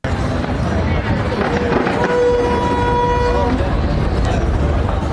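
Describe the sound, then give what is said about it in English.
Steady booming and crackling of New York City's Fourth of July fireworks display on a Saturday night, as small fires break out on the Brooklyn Bridge, over a loud, noisy crowd, with a horn tooting briefly partway through and people's voices mixed into the din. “This is what happened in New York during the city's 4th of July fireworks celebration.”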